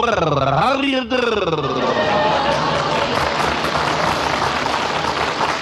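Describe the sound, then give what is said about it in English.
Steady rain pours down in a dense, continuous hiss that fills the whole stretch, with a brief burst of voices at the very start before the downpour carries on alone. “This isn't exactly a beauty, but it's certainly raining.”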